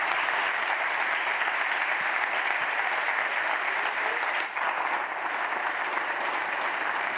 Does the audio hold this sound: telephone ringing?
no